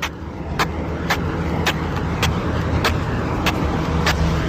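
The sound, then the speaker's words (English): Feet shuffle with baby steps along the pavement of Queen Street, the main street of Masterton, in a steady rhythm, about eight short scraping scuffs evenly spaced, over a constant low rumble of passing traffic. “I'm shuffling my feet so it makes for good sound effects on the radio.”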